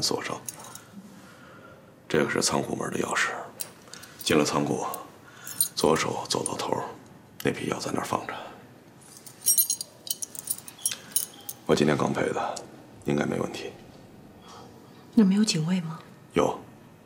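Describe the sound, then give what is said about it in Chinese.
Metal keys jangle and clink in several bright bursts over a few seconds as the bunch is shaken and handed over, with soft voices faintly in the background. The keys are for the small door in a warehouse gate and for the warehouse door. “这把钥匙是仓库大门上那个小门的里外动用锁，记着进去以后要从里边反锁上。”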